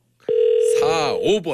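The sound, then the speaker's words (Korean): A steady, loud telephone ringback tone hums for about a second through the line as a live radio show on Far East Broadcasting calls a listener, and a man's voice starts talking over it before it cuts off. “4645번님 신호 네. 가고 있습니다. 전화 받아주세요.”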